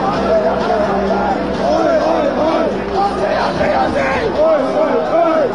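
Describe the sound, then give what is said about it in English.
Thousands of soccer fans at Melbourne's Federation Square storm barriers, pushing past police and security to get in on the World Cup action: a large, dense crowd roars and shouts continuously, many overlapping voices yelling at once in a loud, chaotic din with no pauses for the full length. “Thousands of soccer fans have stormed barriers, pushing past police and security to get in on the World Cup action.”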